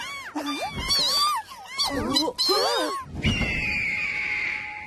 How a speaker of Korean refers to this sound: 검독수리! 갈고리처럼 구부러진 날카로운 부리, 커다란 날개와 크고 억센 발톱. 우리가 찾고 있는 검독수리가 맞아.